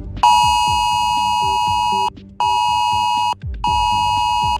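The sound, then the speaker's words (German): A loud mobile phone emergency alert tone blares from many phones in Germany in three long pulses, each about a second or more, separated by brief gaps, with a harsh, steady electronic pitch and no talking. It is a test of the warning systems on the annual nationwide warning day. “Genau so klingt das heute wieder aus vielen Handys.”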